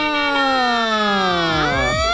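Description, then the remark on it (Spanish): A loud, steady siren tone with rich harmonics sweeps slowly downward, then dips and rises again, on the Tropicana radio morning show, filling the whole moment with no talking over it. “Empezó a sonar la sirena”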